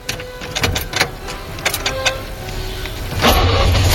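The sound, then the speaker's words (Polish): An old FSO Syrena car engine with ignition trouble cranks with a series of uneven sputtering bursts, struggling to start, before it finally catches and settles into a steady running rumble near the end. “Zaczęło się historycznie, bo on miał problem z zapłonem.”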